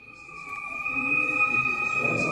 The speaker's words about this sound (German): Nur ein leises Summen ist zu hören, als der Prototyp des unbemannten Luftschiffs anmutig im Hangar kreist. 12 Meter lang ist der Mini-Zeppelin, der in Zukunft bei der Fernerkundung helfen soll,